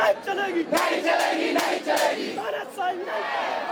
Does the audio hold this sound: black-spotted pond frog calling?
no